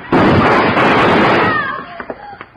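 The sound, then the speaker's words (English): In a radio drama shootout involving Hickok, a loud, harsh burst of gunfire roars for over a second, then fades into a few short, sharp pops, with no voices heard. “I'd have done it, too, if Hickok hadn't been faster on the draw.”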